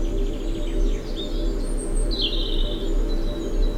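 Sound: birds chirping in spring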